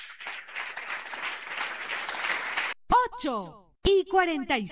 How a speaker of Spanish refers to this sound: ¡Aplauso contento para Cristo Jesús!